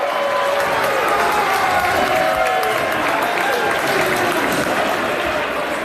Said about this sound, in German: Und wo dann klar ist, als die Schweiz im Achtelfinal steht an der WM, dank dem 2-0, gibt es Applaus zum Schlusspfiff.